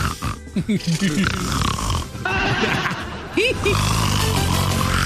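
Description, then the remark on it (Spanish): A voice loudly imitates Donald Trump snoring, with a run of rough, rattling snorts and wavering vocal grunts repeated continuously over several seconds. “Roncando. Le hacía.”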